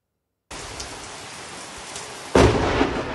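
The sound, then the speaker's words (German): Steady rain hisses, then a sudden, loud lightning strike cracks into a house in Sundern, Germany, filmed from about 200 meters away, bursting into a heavy thunder crash that rumbles on over the downpour. “Ein gewaltiger Blitz kracht in das Haus von Martin Lübcke.”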